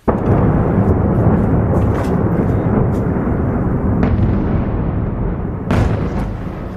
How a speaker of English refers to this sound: Explosions lit up the sky as missiles and drones hammered the Ukrainian capital, killing at least 19 people in the region.